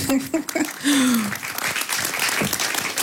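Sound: audience applause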